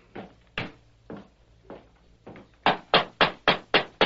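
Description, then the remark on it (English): The masked man and Tonto knocking on the wooden door of a ranch house: a few scattered, fairly soft knocks, then a quick, steady run of about seven louder, sharper raps. No voices are heard. “The masked man and the Indian dismounted and knocked on the door.”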